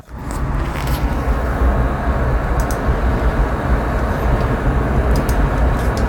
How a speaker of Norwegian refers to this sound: Konkurrerer I dag mot Roy Erik som kjører bil.